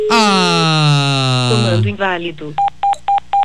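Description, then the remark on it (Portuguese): A caller's voice trails off as a live phone-in call drops, then the line cuts to a series of four short, evenly spaced electronic beeps, clear and fairly loud. “Comando inválido, caiu.”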